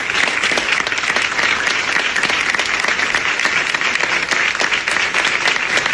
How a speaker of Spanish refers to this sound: Los aplausos en la redacción de La Sexta Noticias.